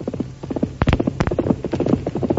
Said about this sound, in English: But on the day after that, Tonto jumped to his feet as the thunder of Silver's approaching hoofs could be heard in the distance.